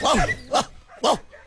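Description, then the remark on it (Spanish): A person mimics the barking of a dog named Costeño, giving three loud bow-wow barks spaced about half a second apart, the first one drawn out slightly longer than the rest. “¿Y cómo ladrará el perro Costeño?”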